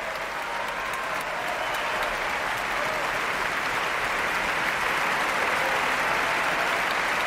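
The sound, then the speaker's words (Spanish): Sustained applause from a large concert audience for an orchestra, a dense steady roar of clapping that swells slightly louder toward the end, continuing without pause throughout, as the woodwind section and then the horns stand to receive the ovation. “Son ahora las trompas las que se ponen en pie para recibir esta ovación.”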